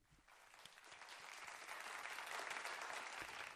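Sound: louder audience applause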